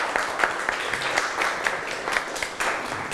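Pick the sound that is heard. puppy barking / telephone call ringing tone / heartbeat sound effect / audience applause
audience applause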